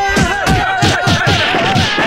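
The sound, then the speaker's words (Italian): A group of people, each told to give one big slap together on a count of three, slaps in unison: about eight loud, sharp smacks landing in a quick, steady rhythm, with a sustained hum of voices running underneath. “Vi facciamo sentire quanti siamo! Dateci tutto uno schiaffone, dai!”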